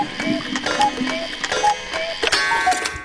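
A cuckoo clock calls, its short two-note hoots repeating several times in a steady rhythm over whirring, clicking gear noise. No voices are heard.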